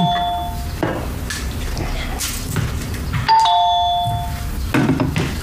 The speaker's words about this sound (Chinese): 哎，有人按门铃，不 哪有人呀、啊、我怎么没有听见呀、啊、你 按门铃了。